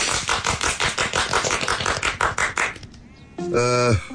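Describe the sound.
Several people clap together in a quick, steady burst for about three seconds at a village committee meeting welcoming the new first secretary, then the clapping stops and a short, loud tonal call, like a voice or bleat, follows.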